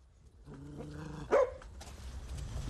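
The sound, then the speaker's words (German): A dog makes a low, drawn-out growling whine, then lets out one sharp, loud bark before the sound settles into faint rustling background noise. “Wir haben auf der anderen Seite des Klosters ein paar Hundehütten aufgestellt.”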